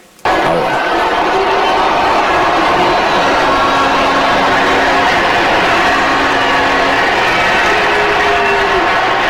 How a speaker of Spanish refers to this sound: Están abuchando. Es un abucheo grande, ¿eh?